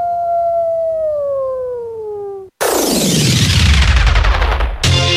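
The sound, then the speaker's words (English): A single long wolf howl in Alaska, clear and steady, slowly sliding down in pitch for a couple of seconds before a loud, rushing burst of harsh noise abruptly cuts it off. “Sounds of Alaska from KRUA 88.1 Anchorage, featuring Wolves.”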